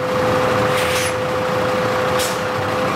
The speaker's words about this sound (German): Das Stichwort Methan führt uns nach Wien-Simmering, zur Biogasanlage der Stadt Wien. Eben fährt ein Müll-LKW auf die Waage, denn hier wird alles, das hinein und hinausgeht, genau erfasst.